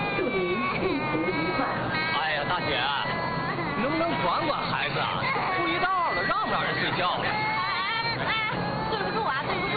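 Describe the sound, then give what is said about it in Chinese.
A baby cries in wavering, high-pitched wails on a train, over a steady murmur of crowd chatter, with several voices talking at once throughout. “不哭不哭，哎，你看你看，叔叔给你看个好玩的”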